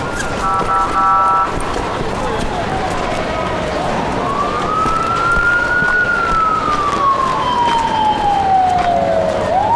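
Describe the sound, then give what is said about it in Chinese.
An ambulance siren wails in a slow, sweeping rise and fall, loud and steady over a busy, noisy background at an emergency scene where the injured are being helped to the ambulance, with some commotion and faint voices around it. “有大夫没有？赶紧扶救护车这里 边， 快快快快！”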